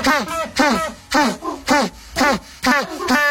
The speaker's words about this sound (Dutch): Of een Afrikaanse pinguïn?